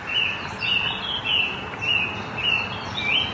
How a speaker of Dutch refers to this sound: Maar haar aandacht gaat toch vooral uit naar de vogels.